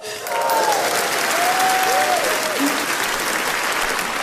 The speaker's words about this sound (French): Mais monsieur, excusez-moi, mais pourquoi t'applaudis comme un malade comme ça?